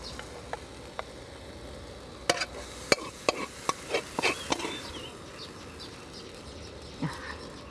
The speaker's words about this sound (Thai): การเคาะกระทะเนี่ยกลิ่นหอมมากครับ